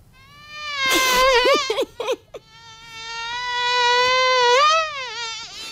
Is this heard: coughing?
no